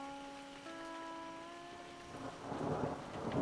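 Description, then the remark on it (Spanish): Steady rain hisses under a sustained, held musical chord, the downpour growing louder and fuller toward the end, with a low rumble beneath it and no voices. “¡Lluvia! ¡Está lloviendo!”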